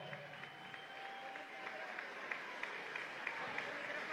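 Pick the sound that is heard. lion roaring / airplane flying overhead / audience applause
audience applause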